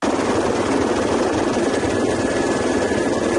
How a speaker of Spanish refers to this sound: Escuchamos un helicóptero de Infuar trabajando en la zona.